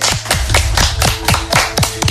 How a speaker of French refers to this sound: Veuillez applaudir